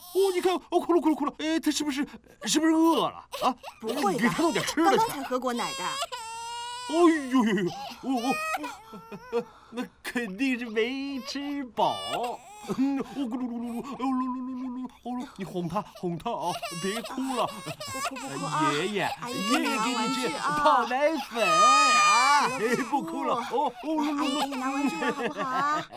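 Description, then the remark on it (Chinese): A baby cries in wavering, high-pitched wails that keep going for the whole stretch, while adults talk and coo over the crying. “哦，你看，哦，哭了，哭了，哭了，哎，他是不是饿了啊？”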